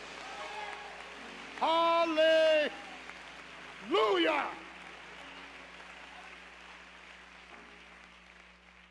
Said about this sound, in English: Let's get the Lord a hand clap. Hallelujah.